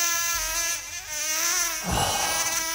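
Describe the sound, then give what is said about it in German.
A mosquito's continuous, thin buzzing drone with a rich stack of harmonics, holding a steady high-pitched whine for nearly three seconds, with a brief dip and a swell near the end. “So, eine nervige Mücke, klar.”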